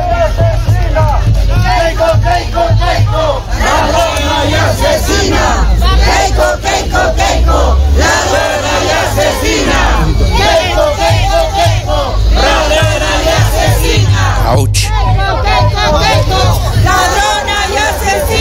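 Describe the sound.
A crowd of protesters outside Keiko's political rally chants and shouts against her arrival, calling out "ladrona y asesina" in loud, rhythmic bursts, voices overlapping continuously with a deep rumbling undertone throughout.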